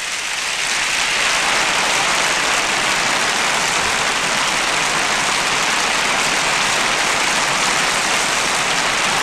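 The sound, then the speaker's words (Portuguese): A large audience applauds an orchestra conducted by Isaac Grazini at a festival in a convention centre, a dense, hissing wash of clapping that holds at an even, loud level for the whole stretch, with no voices heard. “Vamos então avançar para dentro do festival, depois das palmas que a orquestra recebe, dirigida por Isaac Grazini.”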